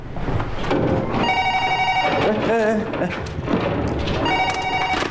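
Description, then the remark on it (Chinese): An old-style telephone bell rings in two bright, insistent bursts, clearly audible over busy background noise with voices murmuring. “哎，你电话还用不用？”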